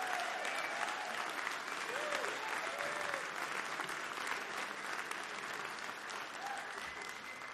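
Sustained audience applause for a musician at a live performance of the Mountain Stage radio show from West Virginia, a dense steady wash of clapping hands that holds at an even, fairly loud level, with scattered whoops and cheers rising briefly above it.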